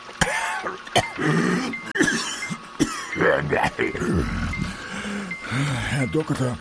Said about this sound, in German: Herr Doktor, ich flehe Sie an. Helfen Sie mir gegen diesen furchtbaren Husten.